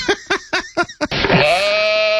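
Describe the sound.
A person imitates a goat, giving five short, choppy bleats followed by one long, wavering, nasal bleat, loud, with no other voices.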